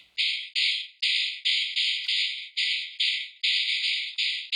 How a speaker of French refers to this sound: Il s'agit d'une mâchoire de cheval séchée sur laquelle il reste quelques dents. Et en la frappant contre la main ou contre le sol, cela fait vibrer les dents encore en place sur la mâchoire et cela nous offre un son, comment dire, qui claque.